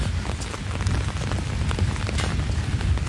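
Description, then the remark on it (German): Steady rain falling outdoors, a dense continuous patter with scattered sharper drops hitting surfaces, moderately loud and unbroken throughout, with no voices. “Suchen wir uns mal irgendwas, wo wir einen Kaffee kriegen und vor allem, wo es nicht ganz so regnet.”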